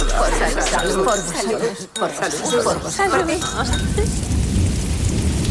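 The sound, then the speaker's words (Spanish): A thunderstorm: steady, hissing rain with a deep rolling rumble of thunder swelling toward the end, while muffled voices murmur underneath. “Y a la intemperie, bajo la tormenta, cuerpos y estructuras.”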